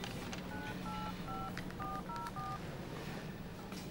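A phone number is punched in on a keypad: six quick dual-tone beeps in an even rhythm, clear, over a steady background hiss with no talking.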